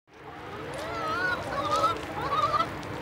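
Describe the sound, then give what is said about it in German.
A flock of chickens clucks and calls on a farm in Ochsbüll, a village near Flensburg, on a hot weekend, several drawn-out squawks overlapping against a steady, busy background of more birds. No one speaks. “Hier leben mehr Hühner als Menschen.”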